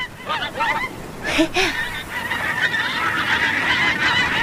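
Several loud, nasal goose honks ring out, a quick series of harsh calls at the start, followed by continuous outdoor noise like lapping water or wind.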